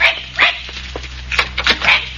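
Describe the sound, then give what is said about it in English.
A dog, Skipper, barks at the door in a handful of sharp, high-pitched yaps, with a short pause after the first bark and a quicker cluster of barks toward the end, with no talking. “Hey, we're going to get you a dog tag, young fella.”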